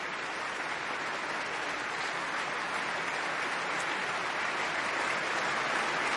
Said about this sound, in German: Der Applaus ist groß, riesig.